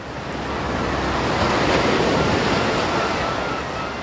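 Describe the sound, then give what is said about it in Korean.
Steady rushing surf on a Jeju seashore, a broad wash of breaking waves that swells louder toward the middle before easing slightly, with no voices present. “그리고 일주일쯤이 지난 뒤 제주의 바닷가.”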